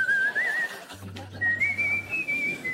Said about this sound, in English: No tune, just... But then I started to whistle a bit of a tune.